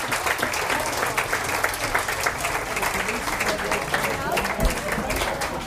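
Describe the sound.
Sustained applause from an audience, a dense wash of many hands clapping at steady volume for several seconds, with a faint hint of voices mixed into the crowd noise.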